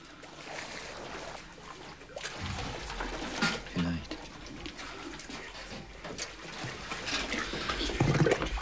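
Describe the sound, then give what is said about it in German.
All available compressed air blasts into a submarine's ballast tanks from below with a loud, continuous roaring hiss and gurgling, bubbling water, surging and growing louder toward the end. “bisschen Luft ist wohl noch an den Tauchzellen. Unten blasen. Könnte uns helfen. Dann alles rein, was an Druckluft da ist.”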